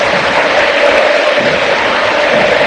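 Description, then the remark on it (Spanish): A stadium crowd at a Boca football match roars in a sustained ovation for captain Leandro Paredes as he is substituted off, a dense, loud wash of cheering and applause that holds steady throughout with no clear voices standing out. “Ovación para el capitán.”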